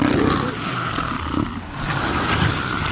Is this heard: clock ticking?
no